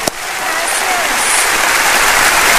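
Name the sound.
welcoming applause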